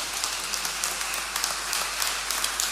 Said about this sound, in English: Let's give our doctor father a round of applause.